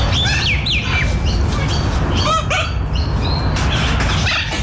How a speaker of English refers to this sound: That's a chicken, for God's sake.